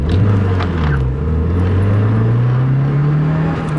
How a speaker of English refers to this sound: A silver sedan screams through a multi-story parking lot.